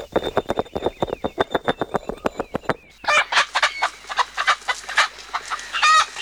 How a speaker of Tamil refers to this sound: என்ன சிட்டு, நாட்டுக்கோழிலாம் வாங்கியிருக்கீங்க போல இருக்கு. ஆமா பொன்னி, என் மவ ராசுக்கு நாட்டுக்கோழிகளை வளர்க்கணுமா, அதான் அவங்க அப்பா வாங்கி கொடுத்துருக்காரு.